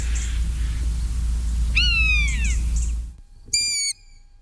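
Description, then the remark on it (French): Two drawn-out, mewing calls of a common buzzard, a raptor, each a high, slightly descending cry. The first rings out over a steady low rumble of background noise; the second follows alone against near silence. “Le deuxième, c'est un rapace, c'est la buse variable, hein, le plus commun de tous nos rapaces.”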